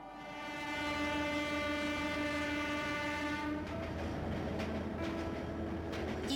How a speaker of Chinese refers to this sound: 1984年元月的一个中午，从北京开出的专列缓缓驶入深圳火车站。